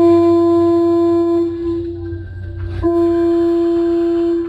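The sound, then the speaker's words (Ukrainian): A long, loud horn blast from a small steamboat sailing on a river blares with a steady, deep tone, briefly dipping in the middle before sounding again at full strength, with no talking. “І тут він почув протяжний гудок.”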